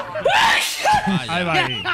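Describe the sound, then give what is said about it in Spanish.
A loud sneeze by a radio presenter during a live broadcast, erupting with a sharp breathy burst, surrounded by voiced gasps and noisy exhalations that fill the short moment. “Oye, decir algo que voy a estornudar.”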